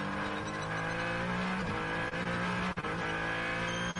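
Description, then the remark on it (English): A loud, high-revving race car engine roars as the car crosses the line during an NLS endurance race at Spa, its pitch dipping and shifting as it passes, with a brief tire squeal amid the steady, buzzing drone. “Collado across the line.”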